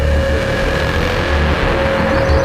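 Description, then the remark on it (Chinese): A steady, loud engine of a Japanese truck drones, a constant low rumble with a sustained mid-pitched whine running through it, no voices present. “大哥，快看，小日本的卡车。”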